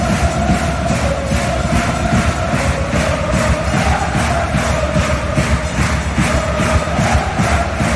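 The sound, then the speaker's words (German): A loud, dense roar of a stadium crowd of up to 10,000 spectators at the Ice Hockey World Championship in the stadium in Zürich, during the Swiss games, holds steady throughout, with a rhythmic pulse of cheering and chanting rising and falling every half second or so. “Bis zu 10'000 Zuschauerinnen und Zuschauer sitzen bei der Match oder Eishockey-WM im Stadion in Zürich.”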